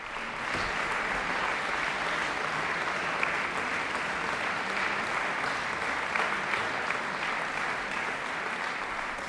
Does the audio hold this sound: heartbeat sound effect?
no